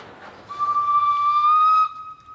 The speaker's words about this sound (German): Insgesamt 5-mal verschwindet die Panoramabahn in einem Tunnel. Hier die Einfahrt in den letzten auf der Strecke.